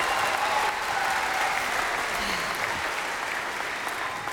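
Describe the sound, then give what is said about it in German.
Steady audience applause fills the whole clip, a dense, even wash of clapping hands with no pauses and constant loudness throughout. “Applaus bitte.”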